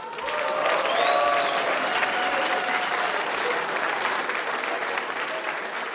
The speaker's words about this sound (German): Wir haben toll bewirtet worden. Applaus für die Bedienungen.